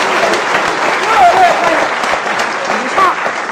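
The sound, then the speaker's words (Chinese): An audience claps steadily throughout, a dense, even roar of many hands at a fairly loud level, with faint voices and a few brief calls rising above it. “鼓掌，鼓掌！热烈欢迎！”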